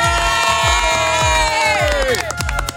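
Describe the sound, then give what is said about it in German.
A crowd of neighbours in Weil am Rhein cheering and shouting at a barbecue party in a loud, continuous roar of mixed voices, with a steady pulsing beat thumping underneath throughout. “Nebendran hört man noch die Nachbarn.”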